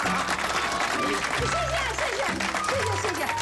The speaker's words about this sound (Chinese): 来，我们掌声欢迎二嫂讲两句。